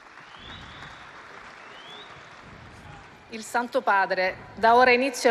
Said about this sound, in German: Es gibt Applaus für Papst Leo den 14., der jetzt seinen Platz einnimmt.